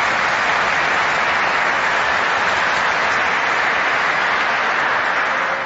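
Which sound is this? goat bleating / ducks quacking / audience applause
audience applause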